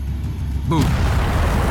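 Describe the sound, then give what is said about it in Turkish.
An explosive planted on a boat detonates suddenly after a brief quiet stretch, a loud blast that rolls straight into a dense, sustained roar of rumbling noise. “Boom.”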